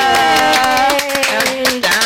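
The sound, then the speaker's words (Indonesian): Loud clapping from a small group, a steady patter of claps blended with a sustained musical tone that slowly falls in pitch, lasting about two seconds. “Jadi boleh dong tepuk tangan untuk Suara Indonesia.”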